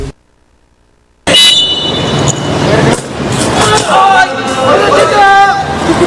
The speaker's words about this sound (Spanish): Pitazo inicial y así se desarrolló el partido.